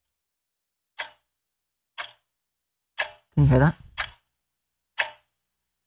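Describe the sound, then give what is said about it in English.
A voice imitates a ticking clock with five crisp, evenly spaced mouth clicks about a second apart, clear, while a person briefly speaks between two of the ticks. “Is that a ticking clock? That's me trying to do my own sound effects.”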